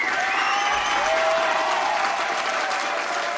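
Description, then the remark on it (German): Sustained applause from a crowd after the first round of a team contest ends 7-3, a dense steady wash of clapping at even loudness for a few seconds, with faint tonal whistling or cheering streaks running through it. “Applaus!”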